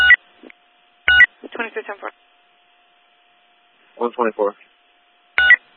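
Short bursts of telephone dialing tones come in two quick clusters, framed by sharp clicks, while a faint steady tone hums underneath. No clear words are spoken.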